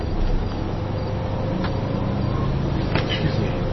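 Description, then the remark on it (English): A bus engine rumbles steadily amid surrounding traffic noise, a dense, continuous low drone that stays fairly loud throughout, with a couple of brief clatters and faint background voices. “this bus goes back to the Green Line, or the L at all?”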